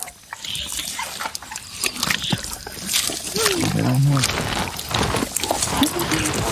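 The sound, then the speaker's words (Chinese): An animal, Tony, wolfing down food: continuous wet, sloppy chewing and tearing sounds, with a few short low groaning vocal noises partway through, fairly loud throughout. “托尼狼吞虎咽地吃着。”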